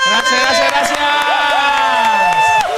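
A loud, continuous burst of crowd applause and cheering fills the whole moment, with music playing underneath.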